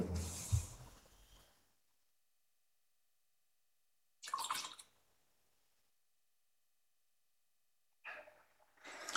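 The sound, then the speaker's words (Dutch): Three short bursts of water being poured into wine in a chalice, a small splash into the vessel, separated by stretches of near silence; soft, with no one talking. “Water en wijn worden ingedeeld ons mens, zij neemt ons op in uw goddelijk leven.”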